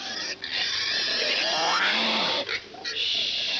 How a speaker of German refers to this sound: So, nun reden Sie mit dem süßen Schweinchen.